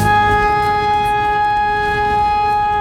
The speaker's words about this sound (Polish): Syreny alarmowe uruchomiono co kilka godzin, by sprawdzić sprawność urządzeń i procedur przekazywania informacji. Część mieszkańców nie wiedziała jednak, jak powinna zareagować na dźwięk syren.